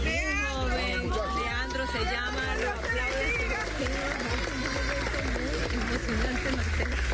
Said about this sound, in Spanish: Los aplausos en San Bernardino, en el área metropolitana de Caracas, donde 30 horas después rescataban con vida a un joven.